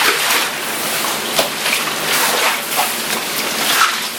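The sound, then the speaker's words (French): Heavy thunderstorm rain pours down in a dense, steady hiss after an hour of large hailstones, with water from the garages pooled at a house entrance. A few louder splashes of water. No one speaks. “Et maintenant, c'est la pluie, c'est l'orage.”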